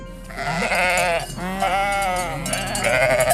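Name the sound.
sheep bleating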